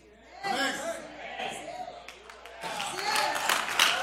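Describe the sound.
An audience claps, a dense crackle of many hands that grows fuller in the second half, while voices talk and call out over the applause.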